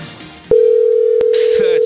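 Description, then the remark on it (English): A steady telephone dial tone of an outgoing call cuts in abruptly and holds at an even pitch, loud, with faint background noise and brief clicks around it. “make that phone call.”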